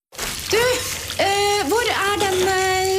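A tap runs with a steady rush of water and a loud, whining squeal that wavers and bends in pitch for a few seconds, continuous.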